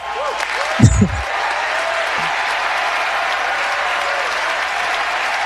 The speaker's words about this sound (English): You can give me applause for that? I mean, goodness.